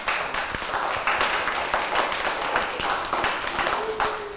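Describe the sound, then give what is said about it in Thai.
Steady audience applause for a Songkran song fills the whole stretch, a dense wash of many hands clapping at a fairly loud, even level with scattered sharper claps and no speech. “ปรบมือให้กับเพลงนี้นะคะ”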